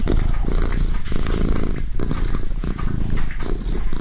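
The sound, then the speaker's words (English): A deep, low purr from Cassiopeia, a cat, throbs steadily for the whole stretch, a continuous rumbling vibration with a faint rhythmic pulse and no voices. “The main thing I really remember was this deep, low, throbbing sound.”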